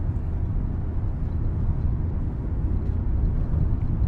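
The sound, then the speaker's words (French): A steady, low rumble of a car driving on a country road, engine and tire noise heard from inside the vehicle, holding an even level throughout with no voices. “Une route de campagne.”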